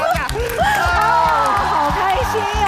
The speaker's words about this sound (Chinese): 这个唱完拍手歌之后，你看现场一下子就欢腾起来了。